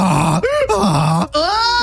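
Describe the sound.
A human voice mimics a donkey's bray, loud and strained, see-sawing between low groaning tones and higher, squealing pitches over several hee-haw cycles, with nothing else audible.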